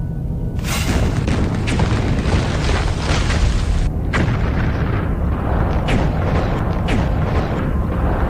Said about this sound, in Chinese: 过了不多久，从小丰满水电站方向传来一阵剧烈的爆炸声。原来曾泽生命令554团找了几个空地方引爆了埋好的炸弹，但水电站却安然无恙。